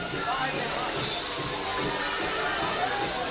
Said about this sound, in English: Whew. The crowd still dancing here on Main Street Warren. Music is loud.